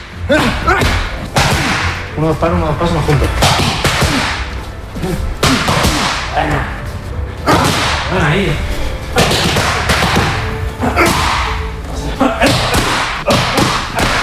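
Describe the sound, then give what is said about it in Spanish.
Sharp, loud punches from a fighter training with his coach slam into training pads in quick bursts and combinations, each strike a hard snapping thud, while the coach calls out brief instructions between them. “Así suenan los puñetazos de Topuria cuando entrena”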